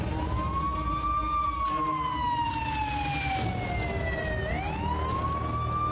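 An ambulance siren wails loudly and steadily as an ambulance carrying two people comes in, its pitch slowly gliding down and then sweeping back up, over a constant low rumble of road traffic.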